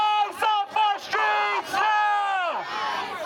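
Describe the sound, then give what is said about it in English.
A crowd of demonstrators shouts loudly in a New York street, protesting a violent arrest and shooting by Immigration and Customs Enforcement agents, several voices yelling together in short rhythmic bursts before joining in one long, sustained cry that trails off at the end. “Demonstrators took to the street in the hours afterwards to protest the violent arrest.”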